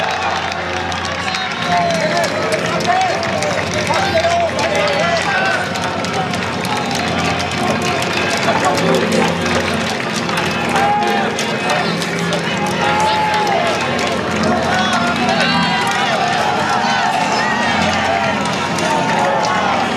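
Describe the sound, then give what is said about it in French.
A large crowd cheers and claps in a steady, loud roar as Pope Leo passes on foot, greeting the journalists and the crowd, with many voices and scattered shouts blending together. “Il salue les journalistes, il salue la foule.”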